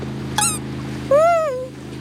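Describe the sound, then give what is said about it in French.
A fishing motorboat's engine drones steadily at a low pitch throughout, while two brief, high, squeaky calls rise over it, the second longer and louder. “Tiens, voilà un bateau à moteur. C'est un bateau de pêcheurs.”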